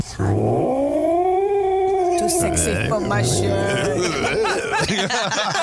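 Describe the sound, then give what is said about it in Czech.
A loud, drawn-out angry cat yowl that wavers in pitch, followed by a string of shorter, choppier growling yowls, apparently voiced by a person imitating an irritated cat. “Tahal jsem trošku kočku za ocas.”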